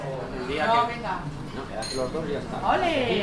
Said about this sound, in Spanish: Comienzo del día en una cafetería de Logroño.